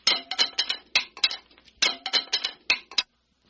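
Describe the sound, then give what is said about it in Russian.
Several sorcerers' staffs are dropped and clatter onto a hard floor: a quick series of sharp knocks and rattling bounces in two bursts, bright and loud, then stillness. No one speaks. “Мы уроним на пол не один и не два, а несколько посохов.”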